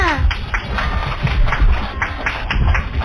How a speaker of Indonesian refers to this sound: Keren banget loh ceritanya. Mana nih tepuk tangannya?